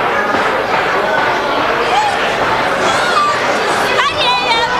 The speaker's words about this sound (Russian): Пусть сначала займут места мои соотечественники. Эти идиоты толпятся, как стадо баранов.